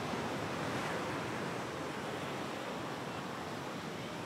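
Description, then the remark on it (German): Waves wash steadily onto the beach at Praia do Araçagi as the tide comes back in, a continuous broad roar of surf with a slight swell early on, fairly loud, with no voices. “Und dann kommt, wie jedes Mal völlig überraschend, das Wasser zurück.”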